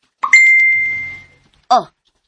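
A cellphone's chat message notification chime sounds once, a bright ringing tone that fades out over about a second, followed by a short spoken exclamation.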